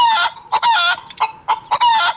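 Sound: chicken clucking sound effect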